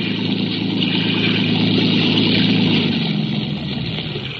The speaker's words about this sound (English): Speeding toward us was a motor launch filled with men, and with a small boat in tow.